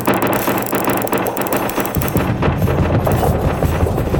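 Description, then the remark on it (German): A loud, continuous rumble of a strong earthquake with dense rattling and clattering throughout. The deep low roar swells heavier about halfway through as the shaking goes on, with no voices. “fing alles plötzlich wieder an zu wackeln. Das Beben war stark und alles verschwand.”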